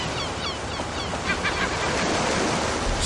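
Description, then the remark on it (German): A steady, loud wash of beach surf fills the whole clip. Faint, high gull cries sound near the start and middle, and an echo can be heard. No one speaks. “Ja, die meisten haben tatsächlich nur auf die Möwen geachtet, aber man hört das Echo.”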